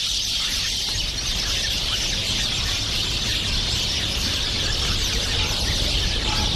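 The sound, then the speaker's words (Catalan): A dense, continuous chorus of birds singing and chirping outdoors in nature, with many calls overlapping into a steady, bright wash of sound and no one talking. “Així sona normalment la natura.”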